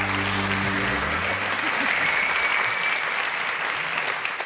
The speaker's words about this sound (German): Applaus.